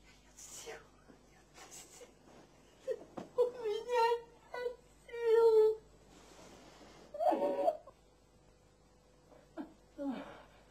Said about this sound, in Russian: Странно, что это. Плачешь ты, а не я.